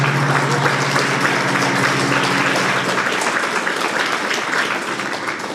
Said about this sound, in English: You're clapping from happiness, or you're clapping because why am I again stuck here? A tleskáte, že máte radost, nebo tleskáte, že tady jste, že tady musíte sedět?